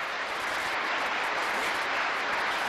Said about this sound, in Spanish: por quien pido otro fuerte aplauso.